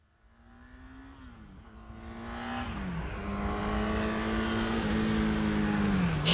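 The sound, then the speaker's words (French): A car approaches along a road, its engine hum swelling steadily from faint to loud as it accelerates, the pitch climbing and dropping with a few gear changes. No voices. “Le premier qui entend quelque chose arriver sur la route, il lève la main, d'accord ?”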